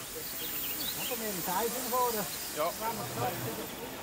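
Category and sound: vehicle, steam locomotive hissing steam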